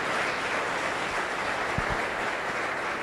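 A church audience claps steadily during a sermon, a dense wash of many hands applauding together, fairly loud and unbroken for the whole stretch, with no voices standing out above it.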